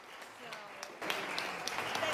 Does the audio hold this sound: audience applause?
yes